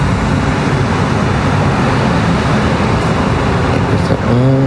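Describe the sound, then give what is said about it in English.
Military drones hovering overhead make a steady, loud, continuous low droning rumble with no breaks, and a faint rising tonal whine joins in near the end. “What it is to live with drones and military drones.”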